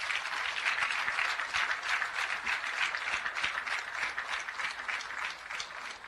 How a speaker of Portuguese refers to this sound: pois a nossa independência não pode ser alienada nunca a estes jovens homens e mulheres nas matas de Cabo Delgado, que combatem o terrorismo 24 sobre 24 horas, de segunda a segunda, faça sol, faça chuva, faça frio. Peço uma grande salva de palmas.